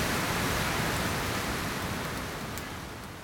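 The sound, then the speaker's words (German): A powerful storm wind roars as a dense, steady rush of noise with a deep rumbling low end, holding strong before easing off slightly toward the end. No voices. “Ein schrecklich mächtiger Sturm! Der Sturm weht mich nach Ekrisas Königreich.”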